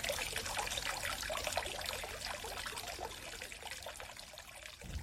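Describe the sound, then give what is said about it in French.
Steady trickling of river water, a continuous babble of small splashes and gurgles with no voices, holding a constant level throughout. “Et voilà, c'était un son des voix de l'eau, l'avant-dernier.”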